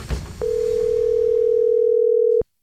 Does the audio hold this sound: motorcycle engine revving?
no